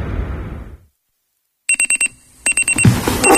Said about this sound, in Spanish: El despertador.